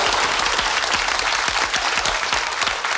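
Steady, dense audience applause fills the whole stretch, many hands clapping close and loud in a continuous rushing patter with no voices standing out.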